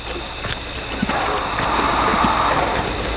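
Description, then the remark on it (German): Rapid, steady rhythmic chuffing of a very small steam locomotive sitting in Emma's tender, puffing out tiny smoke clouds, over a continuous hissing rush of steam. The beat stays even throughout and no one speaks. “Hörst du das? Mhm, was schnaufen?”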